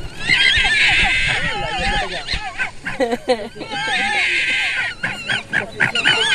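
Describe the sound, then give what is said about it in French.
Fox cubs call inside their den, recorded with a microphone placed in the burrow with the young, in a busy, overlapping chorus of high, wavering squeals, whines and chattering chirps, fairly loud and nearly continuous. “Alors si on met le micro dans le terrier avec les petits, ça donne ça.”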